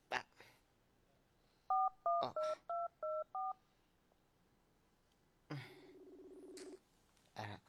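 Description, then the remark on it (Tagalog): A cellphone keypad sounds six short dialing beeps in quick, even succession, followed after a pause by a single longer ringing tone, with a few soft clicks and handling noises around them. “Nagaring.”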